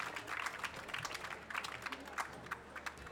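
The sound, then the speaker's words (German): An audience at a show in Vienna claps steadily for guests from Villach, a dense patter of many hands with small swells throughout, fairly soft and with no voices rising above it. “Applaus aus Villach.”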